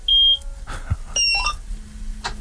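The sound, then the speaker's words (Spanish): A combine harvester being started by turning its key, which works like a car key: a few high electronic warning beeps and chirps, then a faint, steady low engine hum settling in underneath. “Tiene una llave como un coche y sí, sí.”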